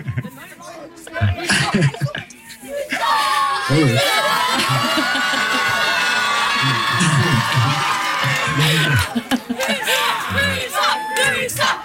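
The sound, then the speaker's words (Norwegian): A loud burst of crowd applause and cheering swells after a few seconds, holds steady as a dense roar for several seconds, then fades back under talking voices at the start and end. “Ja, det stor applaus.”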